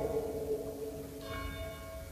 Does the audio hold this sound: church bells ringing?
yes